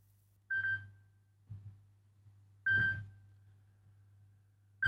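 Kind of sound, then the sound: signal or alarm, telephone ringing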